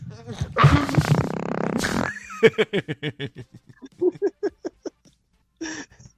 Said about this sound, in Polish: To pierdnięcie, jakby. Ja już wiem, kto to jest. Po pierdnięciu poznałem.